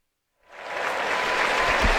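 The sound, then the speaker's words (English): After a brief silence, a stadium crowd of about 40,000 at a St. Louis Cardinals baseball game breaks into sustained applause for returning former Cardinal Randall Grichuk, swelling quickly and holding steady, a broad wash of clapping and cheering. “Nice round of applause for Randall Grichuk here by the 40,000 folks here.”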